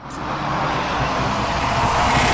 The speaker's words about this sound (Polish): Prędkość 65. Jest generowanych 5 różnych wersji, więc to jest wersja pierwsza tego przejeżdżającego samochodu.